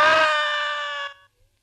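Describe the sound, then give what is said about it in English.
A single loud, high-pitched human scream, sustained for about a second with a sharp onset before it trails off into silence. No speech accompanies it. “I screamed. I screamed so loudly there was blood in my throat.”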